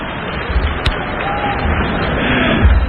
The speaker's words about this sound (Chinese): 观众一阵给我们俩鼓掌，是吧？